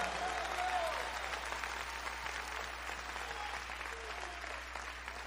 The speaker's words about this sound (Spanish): El que le esté esperando, dale un fuerte aplauso al Señor.